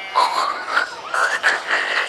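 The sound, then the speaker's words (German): A voice imitates a pig grunting: a run of about four raspy, nasal, croaking bursts in quick succession, fairly loud and with no other talk. “Das klingt jetzt aber eher nach Schwein.”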